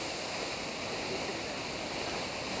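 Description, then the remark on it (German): A steady, hissing rush of water from a spraying jet runs without a break, bright, with no voices over it. “Sie hat es nicht so gerne mit dem Wasserstrahl.”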